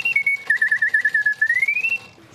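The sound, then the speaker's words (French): A purely mechanical bird automaton with no electricity or electronics whistles a bright, high warbling tune that dips, trills rapidly in a chattering run, then glides back upward, over a steady ticking, clicking toothed-gear mechanism that pulses rhythmically underneath; gaps in the gear teeth act as a timer, making pauses. “Puis quand l'autre oiseau arrive, eh ben là, il siffle de nouveau.”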